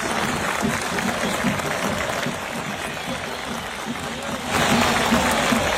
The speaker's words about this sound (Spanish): cómo la gente ayer en el Atanasio aplaudió al Chapecoense con el que juega mañana partido amistoso internacional.